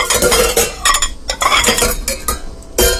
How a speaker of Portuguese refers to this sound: Tá aí, dona de casa, lá lavando as panelas. Olha que beleza.